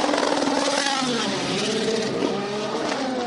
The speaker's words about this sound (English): There's a lot of smoke coming off the brakes of the Aston Martin Valkyrie, but John, I'm just going to wait for them to go off and away and hopefully give you the sound of the V12 scream.